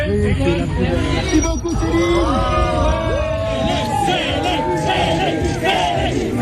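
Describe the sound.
A dense crowd of a singer's fans cheers and shouts excitedly outside a Parisian palace hotel as her vans approach. Many voices overlap in a loud, continuous roar with rising yells and whoops throughout.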